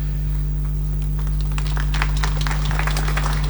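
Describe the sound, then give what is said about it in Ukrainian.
Audience applause for Archbishop Visvaldas at a pilgrimage holy site swells after a brief quiet opening into dense, crackling clapping from many hands, steady and fairly loud, with a constant low electrical hum underneath and no talking. “Справді, владика архієпископ Вісвальдас вартує сильних оплесків, бо ми би хотіли, щоб всі папські дипломати так говорили українською мовою.”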